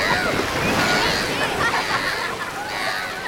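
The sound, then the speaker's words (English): Steady water sloshing and lapping, like small waves slapping against a boat hull, continuous for a few seconds, with a soft hiss of spray throughout. “Oh, I can't wait to get back out on the water.”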